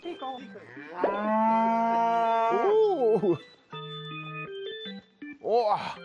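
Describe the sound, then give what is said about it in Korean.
On a quiet village morning, a dairy cow that has just been milked walks out of the house through the open gate. It lets out a long, loud, drawn-out moo, followed by a steadier lowing call and a shorter rising moo at the end, with open-air village quiet between calls. “이렇게 조용한 아침이 시작됐나 했는데 우유를 다 짠 젖소가 갑자기 집 밖으로 나갑니다.”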